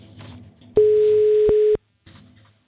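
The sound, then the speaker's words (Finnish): A single loud, steady ringback tone of an outgoing phone call to one of the prize winners lasts about a second, then cuts off abruptly, with quieter background sound before and after it. “Soitetaan yhdelle voittajista.”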